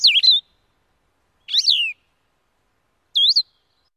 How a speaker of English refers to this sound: I quickly heard two. First, the distinctive two-part trill of a Nashville warbler. Then, the halting, whistled phrases of a blue-headed vireo.